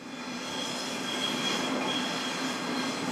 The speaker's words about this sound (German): Züge brettern über die Schienen, Fahrgäste laufen über die Treppen